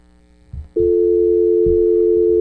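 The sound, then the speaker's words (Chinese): A caller's telephone line drops during a call-in show: after a couple of soft clicks, a loud, steady electronic tone starts abruptly and holds unbroken to the end, with no voices. “冇咗声吓，可能甩咗啦条线，唔好意思，可以再打翻上嚟嘅吓，我哋都可以有耐性等翻，因为有时可能太多条线啦，串咗啦”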